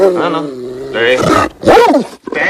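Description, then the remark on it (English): A Rottweiler behind a kitchen counter growls low and steadily, then breaks into harsher, louder snarling bursts with a brief pause between them, aggressive. “Hey, boy. The dog takes a step forward.”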